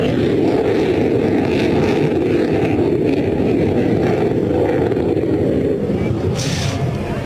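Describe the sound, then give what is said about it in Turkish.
A loud, continuous, echoing jet engine roar from the Solu Türk aerobatic display jet performing at an air show for spectators. The roar is broad and rumbling, with a steady low-heavy wash and a brief brighter hiss near the end. “Solu Türk hemen geliyor ve motor sesinin yankılandığını duyuyorsunuz.”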